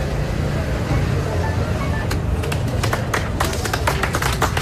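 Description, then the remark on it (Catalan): At Plaça Sant Jaume in Barcelona, a steady, hushed crowd murmur during a minute of silence, a tribute by institutions, parties and unions to Mari Carmen Abascal, gives way about halfway through to scattered handclaps that quickly thicken into loud, continuous applause from many people. “Un minut de silenci, acabat en aplaudiments, com sentíeu, i que han promogut els sindicats UGT i Comissions, però també Ferran institucions com la Generalitat o l'Ajuntament de Barcelona.”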